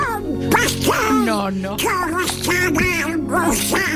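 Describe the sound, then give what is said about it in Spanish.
The raspy, nasal cartoon voice of Donald Duck quacks and babbles in quick, continuous bursts, loud, with steady background music underneath. “claro, creo que habrá muy pocos oyentes que no conozcan la voz de tu padre. Porque tu padre es el Pato Donald.”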